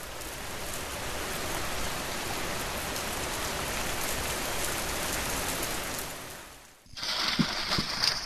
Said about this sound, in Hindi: शाम में मौसम खराब था तो बिजली की कड़कड़ाहट के साथ बारिश होती है।